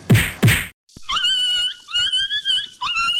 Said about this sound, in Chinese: 哎呦，你这是要把狗打死哦？ 阿嬷，这是在虐待动物耶